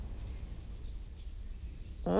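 A blue tit, a small blue bird with a yellow belly, sings as it approaches: a clear, high-pitched trill of about ten thin, evenly spaced notes that gradually slow and fade, before a voice starts speaking at the very end.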